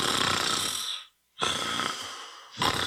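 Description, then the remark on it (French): Loud, raspy snoring, with two long rattling breaths separated by a brief silent pause and a third snore starting at the end. No one speaks. “Hey, réveille-toi, tu ronfles encore!”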